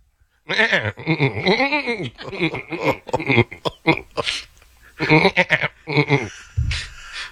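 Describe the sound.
A man's voice imitates goat bleats in a rapid series of wavering, quavering cries, loud, broken by short pauses with no ordinary speech.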